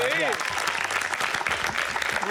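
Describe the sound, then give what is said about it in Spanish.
Steady, dense applause from an audience fills the whole moment, a loud crackling wash of many hands clapping, with a voice briefly audible at the start and end. “Oye, un aplauso, por favor.”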